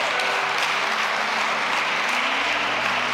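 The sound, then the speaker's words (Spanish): Steady, dense clapping from an audience applauding a woman fills the whole stretch, a continuous crackling wash of many hands at a fairly loud, even level with no voices standing out. “Ya, un aplauso para ella, gracias.”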